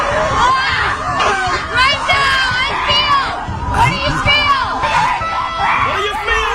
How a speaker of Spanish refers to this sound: Son retiros en la naturaleza, donde el principal objetivo es liberar tensiones a base de gritos. Ok. Sí, señor. Te tiran ahí en el bosque a gritar. Tenemos ahí a las mujeres ahí gritando, sí, señor.